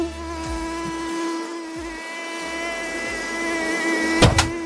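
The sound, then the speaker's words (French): A mosquito's thin, high-pitched whine, produced by the beating of its wings, drones steadily for several seconds, rich in even harmonics, with a brief louder burst near the end; no one speaks. “Le bruit du moustique vient... que vous entendez là, que vous avez entendu, vient du battement d'ailes, je sais pas si vous le saviez,”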